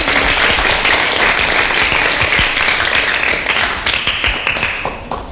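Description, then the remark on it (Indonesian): An audience claps in sustained, dense applause, loud and steady for several seconds before gradually thinning and fading toward the end, with individual claps becoming more audible. “Berikan tepuk tangan yang meriah.”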